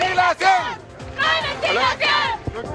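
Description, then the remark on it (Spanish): Protesters chant loudly in the middle of the street while the traffic light is red, voicing discontent over infrastructure problems at a campus on Avenida Presidente Ibáñez in Puerto Montt. A crowd of voices shouts in rhythmic bursts with short pauses between phrases. “Es por ello que cada cierto tiempo, cuando el semáforo está en rojo, justamente para no impedir el tránsito de vehículos, se paran en mitad de la calle y comienzan a realizar sus cánticos.”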